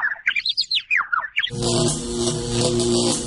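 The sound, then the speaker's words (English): A bird that got into a city power substation in Franklin and contacted two wires chirps in quick, rising and falling calls for about a second and a half, then a loud, steady electrical buzz with a low hum abruptly takes over. No one speaks. “Yep, there he goes. Poor bird.”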